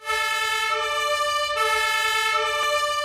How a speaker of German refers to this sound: Die Berufsfeuerwehr in München rückt aus. Die Hauptwache liegt in der Innenstadt. Es hat viel Verkehr, wie fast immer, aber dank Martinshorn und Blaulicht geht es zügig voran.